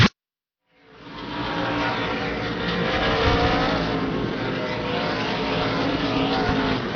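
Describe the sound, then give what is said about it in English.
A dense, continuous roar of racing engines builds in after a brief silence and holds steady and loud as NASCAR Craftsman Truck Series trucks race under the green flag at night in the TS Sport 200 at Lucas Oil Indianapolis Raceway Park, with twenty laps to go, with no talking. “Twenty laps to go here tonight in the TS Sport 200 for the NASCAR Craftsman Truck Series at Lucas Oil Indianapolis Raceway Park, continuing under the green flag, and Lane Riggs continues to lead this event”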